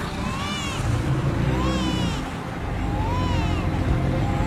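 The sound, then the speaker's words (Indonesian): Sea waves wash in a steady, continuous rush, fairly loud, with a brief dip in the middle. Faint, soft wavering tones of soft crying drift over the surf. “terdengar suara tangis lembut di antara ombak laut.”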